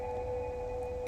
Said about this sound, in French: Les éleveuses parlent aux bêtes. Ce que tu entends, c'est une façon qu'ont les femmes scandinaves, depuis des temps immémoriaux, d'appeler leurs troupeaux dans les grands espaces, leurs vaches, leurs brebis, leurs rennes.